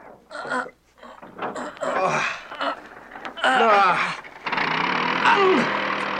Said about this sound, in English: Well, let's give this motor a try before we attach the propellers and shafts. See if it still works. Okay, here goes.